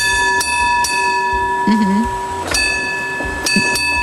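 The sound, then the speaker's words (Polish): A tram's bell, rung by the driver with a pedal under his foot, clangs several times at an uneven pace, each strike leaving a bright, sustained metallic ring, with a brief low voice heard faintly midway. “No w każdym razie mogło to być podobnie, dlatego że maszynista miał pod nogą motorniczy miał pod nogą taki pedał, ale maszynista to ten, który kieruje pojazdem szynowym.”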